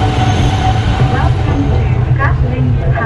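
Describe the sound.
An elevated metro train of line 2A at Yen Nghia, on the rural outskirts of Hanoi, Vietnam, runs steadily on its rails with a loud, continuous low rumble and brief higher squeals, while faint voices murmur underneath.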